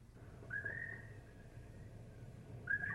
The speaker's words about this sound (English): Yes, and even the birds sound lonely.